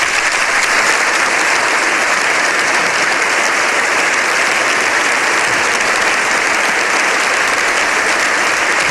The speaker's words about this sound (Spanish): Una comitiva que avanzaba hacia sede parlamentaria, y entonces ahí es donde, una vez que entraba en el Congreso de los Diputados, era recibido de esta manera, con estos aplausos.